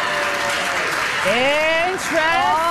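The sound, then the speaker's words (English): An audience claps steadily, a dense, even wash of hand-clapping that fills the whole clip, while a voice rises over it partway through. “You know, even if people who are clapping in the audience don't call themselves feminists, you actually are, because you are trying to challenge the very patriarchal naming system that exists for us, right?”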